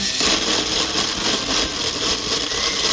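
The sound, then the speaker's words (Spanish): A kitchen blender, switched on by a woman at home, runs continuously at full power, a loud, steady motorized whir with a gritty, churning texture that holds constant throughout, with no talking over it. “Prendió la licuadora y...”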